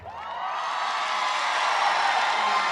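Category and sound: crowd, audience cheering and shouting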